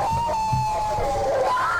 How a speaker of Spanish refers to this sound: Se escuchan gritos.